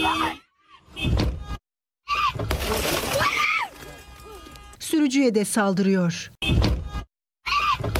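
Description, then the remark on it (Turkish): Several heavy thuds as a man punches a car window with his fists, and the glass breaks with a bright, crackling shatter, loud. Agitated voices shout, and a narrator speaks over parts of it. Recorded on a mobile phone camera during a traffic assault. “Önce bağırıyor, ardından yumruklarla otomobilin camına vuruyor. Cam parçalanırken saldırı bununla da bitmiyor.”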